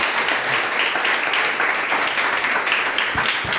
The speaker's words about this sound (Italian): Grazie, un applausissimo per tutti.